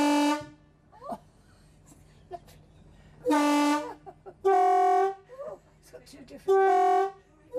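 A steam train's horn sounds in three strong, sustained toots, each a rich harmonic blast lasting about a second, with shorter whistle-like chirps and a low rumbling background between them.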